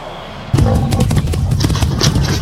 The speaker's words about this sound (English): Hear that? Is it the sound of a rhino running through the savanna plains? Maybe two.